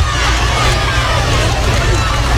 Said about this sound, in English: A lot of Bronx cheers from the Gulfport fans who traveled up here to Picayune. I tell you what, it is quite the crowd here.